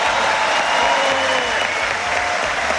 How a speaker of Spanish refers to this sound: Y aquí les pido un aplauso especial para nuestras fuerzas policiales y para nuestras fuerzas armadas.